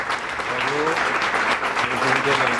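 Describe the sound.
The cooks and waiters of a buffet restaurant, gathered for the daily briefing, applaud steadily to welcome a new colleague: dense clapping fills the whole stretch at an even loudness, with faint voices calling out beneath the applause.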